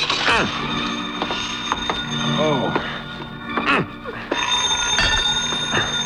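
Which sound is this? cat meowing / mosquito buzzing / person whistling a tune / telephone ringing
telephone ringing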